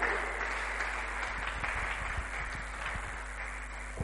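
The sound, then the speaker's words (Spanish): A church audience applauding steadily for a brother about to give a testimony, a dense, continuous wash of many hands clapping at once, fairly loud and sustained without pause, with no clear talking over it. “Fuertes aplausos para nuestro hermano. Fuertes aplausos. Sigue aplaudiendo.”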